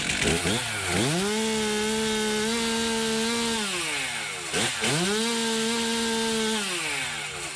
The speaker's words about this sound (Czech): Je to tak, motorové pily, vždyť je to vlastně svého druhu taky motodisciplína.